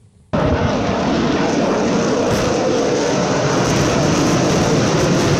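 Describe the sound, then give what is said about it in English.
After a brief quiet moment, a loud, sustained roar of US military aeroplanes passing overhead during Fleet Week in San Francisco suddenly bursts in and holds steady, a broad engine rumble filling the whole clip with no voices. “When we go to this footage, just, I'm saying, absolutely look at it from the first frame, because the first sequence you see of the aeroplanes is utterly fantastic.”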